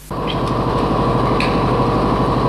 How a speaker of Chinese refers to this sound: 听那个发动机声音，我心里就高兴。越野车的声音是特别大，嗡嗡，加油门的那个声音，特别激动。